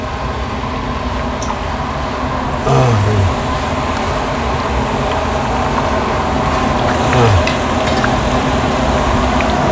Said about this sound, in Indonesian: Selanjutnya, setelah terkumpul banyak, keripik paru digoreng kembali bersama-sama dalam 1 wajan sehingga matang bersamaan.